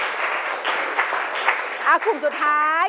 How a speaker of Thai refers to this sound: โอเคปรบมือหน่อยค่ะปรบมือสองกลุ่มนี้ก่อน